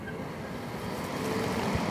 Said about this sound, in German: So, dann nehme ich die Autobatterie. Und wenn ich dann die anschließe, hört man auch schon, dass der Ventilator dann zu arbeiten beginnt.